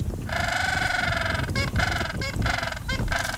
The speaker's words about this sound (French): Le candidat idéal, le manchot papou. Ce petit pingouin d'Antarctique, de 80 cm tout de même, est aussi surnommé pingouin âne, du fait de son cri. Jugez plutôt.